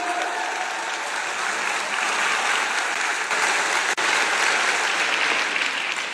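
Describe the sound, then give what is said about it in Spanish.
An audience of men, women, children and young people at the first information session of AYUPADI, the Asociación Nacional para Ayudar a las Personas con Discapacidad, aired on Grupo Fórmula, applauds steadily, a dense wash of many hands clapping at an even, fairly loud level for several seconds, with one brief dip in the middle and no speech over it. “Vamos a dar un aplauso, por favor, para todos ustedes los que están aquí.”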